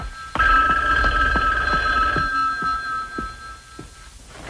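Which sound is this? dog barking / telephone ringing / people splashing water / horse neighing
telephone ringing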